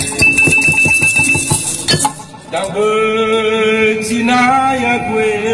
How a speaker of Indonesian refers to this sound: Feta batu adalah alat musik yang terdiri dari sejumlah batu yang dapat menghasilkan nada tertentu.